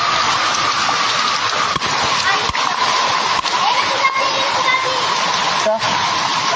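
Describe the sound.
Heavy rain pours in a dense, unbroken hiss, loud, with a few sharp knocks and taps scattered through it and faint voices beneath the downpour, as floodwater rises at night in Parañaque City.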